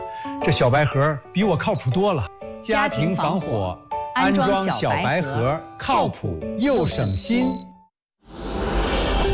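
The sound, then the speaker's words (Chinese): A home standalone smoke-sensing fire detector alarm, a small white box, gives a short, high-pitched electronic tone that sounds briefly beneath people talking almost continuously, followed by a burst of noise at the end. “是不是被咱家的小白盒叫回来了？”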